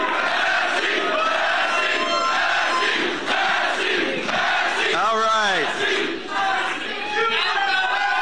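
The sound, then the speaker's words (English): A large crowd at a politician's concession speech shouts and chants his name in unison, a loud, continuous roar of many voices with rising and falling rhythmic calls, dense throughout. “That's the last time he's going to hear a crowd like that yelling his name.”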